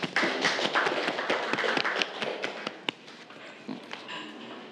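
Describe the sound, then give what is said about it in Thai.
A group of students applauds together in a classroom, a dense burst of overlapping hand claps that stays lively for a few seconds before thinning out toward the end; they clap for a classmate who answered a question about moments of force. “ปรบมือให้กับเพื่อนเลยนะครับ”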